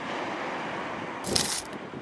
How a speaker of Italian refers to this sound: Vediamo, o meglio sentiamo, se si sente il mare.